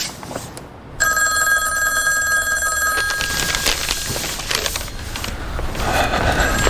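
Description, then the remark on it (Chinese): A telephone rings on an outgoing call to a road construction contracting office: one steady, bright electronic ring lasting about two seconds, followed by a busy wash of background noise and clatter, with no one speaking. “哎，我们要不要给挂月台打个电话？”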